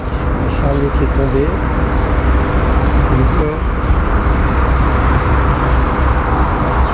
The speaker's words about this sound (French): Bon, on a les moineaux là.